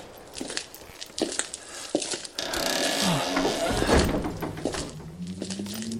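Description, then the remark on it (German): A heavy church door is forced open: a few dull thunks and knocks, then a long low creak and scraping groan of wood that swells and sweeps in pitch before trailing off. “Diese verdammte Tür.”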